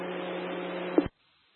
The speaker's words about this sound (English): Everything else was static unreadable.